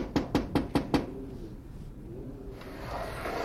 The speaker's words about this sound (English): There's Grandma Sutton's window. I'll knock.